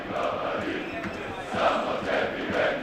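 A stadium crowd of Partizan football fans in Humska cheers and chants during a European match in a steady, dense roar, with rhythmic swells of many voices rising and falling over a few seconds.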